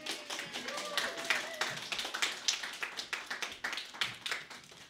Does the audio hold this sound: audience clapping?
yes